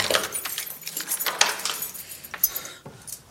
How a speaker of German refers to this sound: Dort angekommen, schließt sie die Tür hinter sich ab.